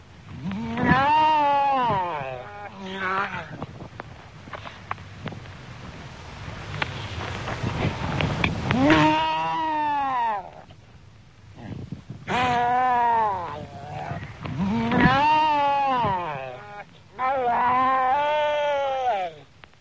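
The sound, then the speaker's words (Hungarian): Seals at a colony let out loud, drawn-out barking, bawling calls in repeated bursts, with a rough, noisy din of other animals filling the gaps between calls. “emlősök jellegzetes ugatóhangjukkal nagy zsivajt csapnak a fókatelepeken.”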